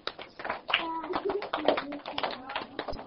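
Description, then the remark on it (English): Scattered, uneven hand claps from a group of children, overlapping in quick irregular bursts for a few seconds, with voices talking and calling out underneath; the children clap when told to sit straight and hold their palms together before a breathing exercise. “I didn't say clap, just palms together.”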